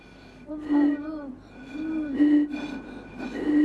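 Someone blows across a water-filled bottle, producing three or four breathy, hollow hoots at a low, steady pitch. Each lasts about a second, and the rushing breath noise is clearly audible with each tone.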